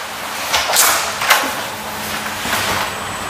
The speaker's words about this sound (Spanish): Aquí podemos representar la realidad a pequeña escala. Podemos generar viento, olas y corrientes, y estamos construyendo un modelo de una ciudad flotante.